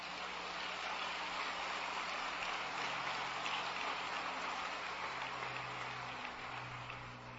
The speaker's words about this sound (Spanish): Y le damos aplauso al Señor.